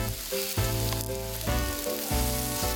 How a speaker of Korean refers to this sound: 농사지은 표고버섯을 듬뿍 올려 돼지고기와 함께 구웠습니다.